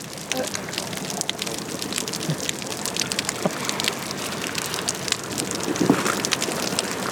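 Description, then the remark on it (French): Water splashes and slaps against a yellow buoy, with someone swimming near it, in a dense, irregular patter of small hits, fairly steady in loudness, with a slightly stronger surge of splashing near the end. “Elle nage près de la bouée jaune et c'est comme si de l'eau tapait sur une bouée.”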